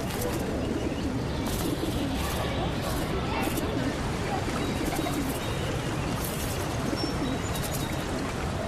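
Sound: pigeons cooing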